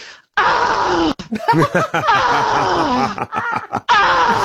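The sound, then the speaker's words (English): A voice imitates the harsh, strained grunting cry a man at a gym made in the weights area after every rep on the chest press: a loud rising-and-falling guttural groan with squawky, animal-like breaks, repeated in a few bursts over several seconds with brief gaps between. “After every rep on the chest press, he let out this terrifying noise, like almost like a bird or a wild animal.”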